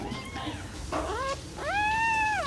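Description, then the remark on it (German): High, thin squeaks and whines from newborn fox cubs, still blind and deaf, crawling under a towel over a heating pad and signalling hunger: a faint cry, then a wavering one, then a longer, louder drawn-out squeal, all tonal and plaintive with no talking. “Die Tierchen robben, noch blind und taub, unter einem Handtuch über das Wärmekissen, melden fiepend ihren Hunger und bekommen im 2-Stunden-Rhythmus ihr Fläschchen.”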